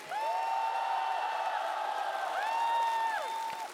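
A steady wash of crowd applause and cheering runs throughout, with a long, high held vocal tone that slides up and down riding over the clapping noise.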